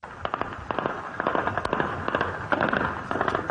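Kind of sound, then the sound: gunshots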